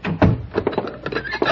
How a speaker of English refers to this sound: Come in. Shut the door and bolt it.